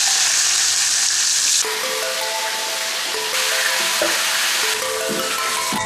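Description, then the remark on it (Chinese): A whole fish with its scales left on sizzles steadily in a hot pan over gentle heat, a continuous crackling hiss with no pauses, as it is pan-fried on both sides of head, belly, back and tail for Chinese eight-sided fried fish, while soft melodic music plays underneath and no one speaks. “两面鱼头，两面鱼肚子，两面鱼背，两面鱼尾都要煎到，所以叫八面煎鱼。”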